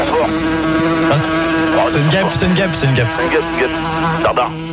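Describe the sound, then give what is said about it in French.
A fly buzzes in a continuous, wavering drone that stays loud for the whole stretch, with people's voices murmuring underneath. “une mouche. Elle revient.”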